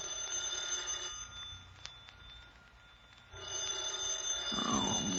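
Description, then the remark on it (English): A telephone bell rings in two long bursts with a short pause between them, fairly loud, with no one speaking. “I was working on my fifth drink when the phone rang.”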